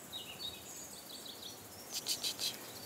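Faint birds call across a valley in the Alentejo, calling to each other from one side of the valley to the other: a few thin chirps scattered across open air, then a brief cluster of brighter, sharper calls near the end over soft background hiss.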